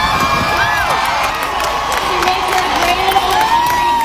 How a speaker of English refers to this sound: She was stunned, and the crowd went crazy, screaming for, it felt like 10 minutes straight.